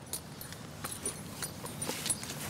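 Horse hooves clip-clop in a loose, uneven rhythm, a series of soft knocks over a steady outdoor hiss, with no voices.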